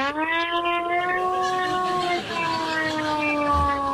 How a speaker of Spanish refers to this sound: Tengo la sirena esta que realmente no tiene nada electrónico, pero fijaros cómo de pronto dices, cuidado.